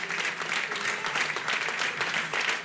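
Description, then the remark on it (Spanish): A crowd at the Miniature Pintxos Congress in Vitoria-Gasteiz applauds Gran Sol of Hondarribia steadily, a dense continuous patter of clapping hands that stays loud and even throughout, with no voices standing out. “Txalo bat berriro, un aplauso para ambos.”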